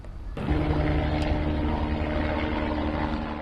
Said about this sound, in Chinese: 而在意大利西西里岛中西部阿格里詹托省的灭火行动仍在继续，随着23日气温下降，火情略有好转，多架洒水直升机及消防飞机不断从池塘内取水灌救，当地消防员已累计展开超1000次行动。